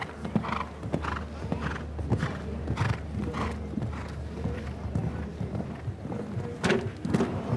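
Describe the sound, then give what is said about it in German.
A horse's hooves pound the ground in a steady rhythmic canter in a show-jumping competition, with a few louder thumps as it takes off and lands over an upright fence with a water ditch behind it, jumping too low and knocking a pole down, and some snorting breaths between. “Hier ist das Pferd einfach zu tief gesprungen.”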